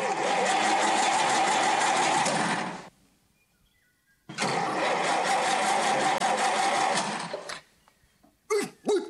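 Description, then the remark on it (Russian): A car engine roars steadily in two long sustained bursts separated by a brief quiet gap, loud, like a car speeding along a road, with a short rattling tail at the end. “Машина несется по дороге.”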